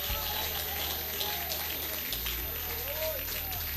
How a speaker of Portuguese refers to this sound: Ele está fazendo. Acho que merece mais essas palmas aí, hein?